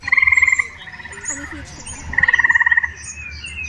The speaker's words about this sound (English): Here's a recording of eastern gray tree frogs.